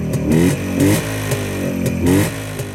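A motorcycle engine revs repeatedly, its pitch sweeping up and dropping back in several throttle bursts, loud with a rough mechanical rattle and no voices.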